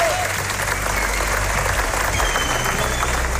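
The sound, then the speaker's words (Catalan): Steady, dense applause from a large audience at the Festival de Sant Sebastià premiere of Gènesi, the series about Ferran Adrià and El Bulli: a continuous wash of clapping at an even loudness throughout, with a murmur of crowd noise mixed in. “Va tenir una acollida excel·lent i va rebre també una gran ovació per part del públic.”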